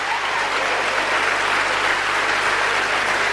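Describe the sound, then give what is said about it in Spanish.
An audience applauding: steady, dense clapping from many hands that holds at an even loudness for the whole stretch, with no voices rising above it. “¿Aplaudieron?”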